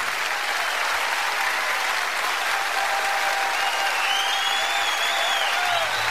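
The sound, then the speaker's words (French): Sustained audience applause fills the whole stretch, a dense, steady wash of clapping from a sizable crowd with a few faint whistles rising above it near the end. “Ah oui, on peut l'applaudir,”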